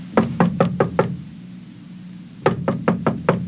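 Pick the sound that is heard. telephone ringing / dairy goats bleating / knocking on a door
knocking on a door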